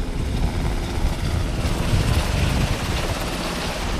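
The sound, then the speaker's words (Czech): Two Black Hawk firefighting helicopters with full water buckets lift off from a filling station at a former flooded quarry near Brio to fight a fire about 3 km away, in a steady, heavy roar: deep rumbling engine and rotor noise mixed with gusty wind buffeting and rushing water spray, with no voices. “Bambivaky jsou plné, vrtulníky teď vzlétají a letí hasit požár, který je asi 3 kilometry odsud.”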